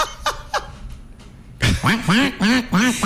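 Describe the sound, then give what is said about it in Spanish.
A person imitates a duck with a quick run of about five loud, nasal quacks, following two brief sharp sounds and a short quiet pause. “Que así sonaba un pato, pero no me acuerdo de dónde.”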